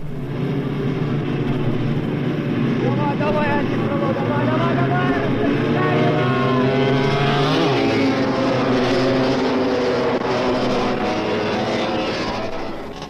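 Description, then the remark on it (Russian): A pack of 350 cc class racing sidecar motorcycles roars off together at the start of a race of 24 laps of 3 kilometres, engines revving hard with rising pitch, a dense, loud, continuous blare of many machines that holds steady throughout. “Итак, старт. Впереди 24 круга по 3 километра.”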